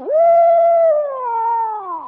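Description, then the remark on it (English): A person's voice imitates an owl's eerie, frightening call: one loud, drawn-out howling tone that holds steady, then slowly glides downward over about two seconds, with no other sounds around it. “Then sometimes when he wants to scare you, well, then he'll go like this.”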